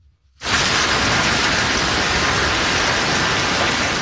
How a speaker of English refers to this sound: Earlier today, blinding sheets of rain and hail hit parts of Minnesota.